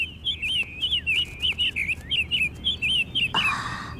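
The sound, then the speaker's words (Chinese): A small caged bird chirps in quick, repeated high-pitched bursts, fairly loud, followed by a brief fluttering rustle near the end. “看了看笼中可爱的鸟儿，太任打开鸟笼，放飞了小鸟。”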